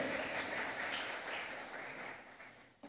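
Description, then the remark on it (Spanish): An audience claps steadily together as loud applause for God, El Shaddai, during a Bible reading: a dense, sustained patter of many hands that gradually thins and fades toward the end, with no talking over it. “¿Cuántos le dan un aplauso fuerte?”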